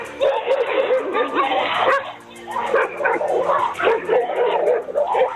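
Two dogs, one of them a pitbull, bark and yip repeatedly in a loud, agitated burst, with overlapping barks continuing steadily throughout and some whimpering mixed in.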